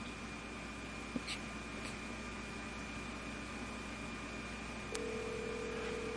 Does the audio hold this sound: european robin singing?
no